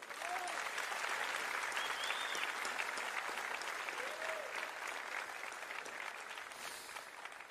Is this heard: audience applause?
yes